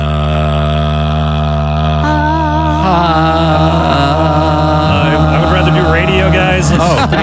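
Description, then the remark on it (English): On a radio show, a voice literally drones on, holding a low, steady droning hum for about seven seconds, loud and unbroken, its pitch staying level while the buzzy overtones waver and shift partway through. “I would like you to literally drone on.”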